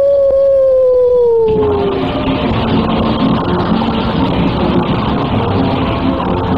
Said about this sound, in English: Oh, there's someone at the door. Why, It's a stray dog. That's my public. Here, doggy, come in.